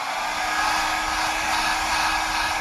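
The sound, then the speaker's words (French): A hair dryer blows steadily while someone sets their hair, with a loud, even whoosh of airflow and a faint motor hum underneath, holding constant for the whole stretch with no voices. “Il faut absolument que je fasse la mise en pli.”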